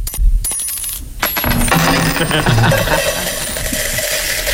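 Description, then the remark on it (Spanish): Coins drop and clink steadily, presented as the sound each visitor to Disneyland Paris gives off. A few scattered jingles come first, then a loud, continuous stream of bright metallic clatter that keeps going without pause. “Es un goteo constante, te sablean por todo.”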